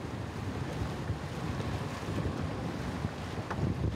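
A motorboat engine drones steadily on open water on the way to the Duke of York Islands, its low rumble blended with constant wind buffeting and the rush of waves, loud and unbroken throughout with no voices.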